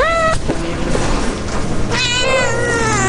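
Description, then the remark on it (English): A cat meows twice, a short cry at the start and a longer, drawn-out one near the end, in a cat cafe in Oakland that is half coffee shop, half cat adoption center, over a steady hiss of room noise with faint clatter in the background. “This is Cat Town Cafe, the very first cat cafe in America. Half coffee shop, half cat adoption center.”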